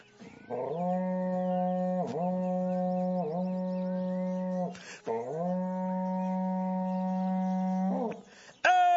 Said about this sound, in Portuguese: para vocês agora um berrante daqueles, olha só.